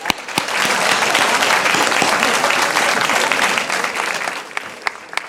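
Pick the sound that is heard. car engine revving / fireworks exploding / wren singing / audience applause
audience applause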